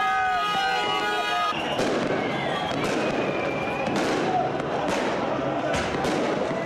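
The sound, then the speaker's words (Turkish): Fireworks burst repeatedly in a busy outdoor street in Cizre, Şırnak, Turkey, as hundreds celebrate a local football club's win over Beşiktaş; sharp cracks and booms arrive every second or so for minutes over a dense roar of crowd noise and shouting, loud with echoing tails. “Dakikalarca havai fişek sesleri yankılandı.”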